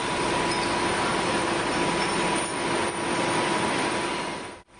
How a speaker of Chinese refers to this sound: 然后他的有一些岗位，他是有那个噪音，还是有点大的。 在拣选废玻璃的工作区域，工会的工作人员发现这里的噪音有些大，可能存在超标的情况。